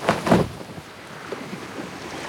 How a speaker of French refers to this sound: Le bateau.